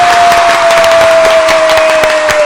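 A studio audience claps steadily and loudly as a person makes an entrance into the studio, a dense crowd of many hands with scattered sharper claps, while a sustained electronic tone glides slightly downward underneath.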